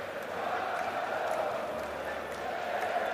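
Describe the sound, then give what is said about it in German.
A large crowd in the sold-out Magdeburg stadium roars and cheers after Laurin Ulrich's goal in the 62nd minute gives FCM a 1:0 lead against Hertha, a dense, loud, steady wall of voices that holds its level without a break. “Großer Jubel im ausverkauften Magdeburger Stadion.”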